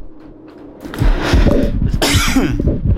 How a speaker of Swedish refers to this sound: Jag glömde ju hosteknappen där. Jag hostade för lite.